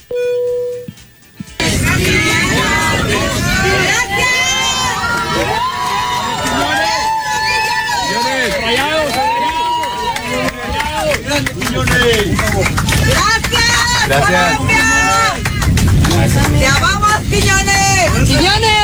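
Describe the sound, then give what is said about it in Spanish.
Mexican passengers on a commercial flight cheer and shout loudly for Julián Quiñones, who is on board, in the airplane cabin: a dense, sustained roar of whoops and overlapping voices that swells again near the end after a brief quiet opening. “Y chequen nada más la ovación que se llevó por parte de los pasajeros mexicanos.”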